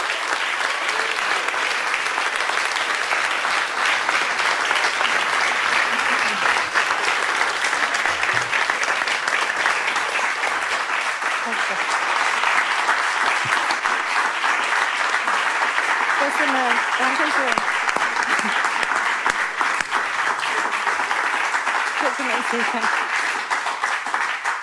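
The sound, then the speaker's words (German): Sustained audience applause, a dense steady wash of many hands clapping at even loudness for the whole stretch, with faint voices and a few cheers mixed in underneath. “Viel Applaus”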